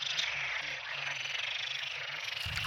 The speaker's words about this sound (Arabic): هلأ هو أغلبه مشهد غير مألوف، أصوات نقيق تتصاعد من محمية صغيرة في سهل الغاب.